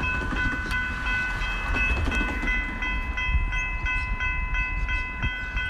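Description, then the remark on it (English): A train rumbles steadily along the rails with a rhythmic clickety-clack of wheels over track joints, a sustained high metallic whine ringing above the loud, continuous roar. “Let's go train riding now and in Argentina.”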